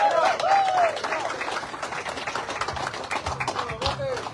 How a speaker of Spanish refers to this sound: Que pase el equipo ganador de nombre, los del Negrito. Muchas felicidades y fuerte el aplauso.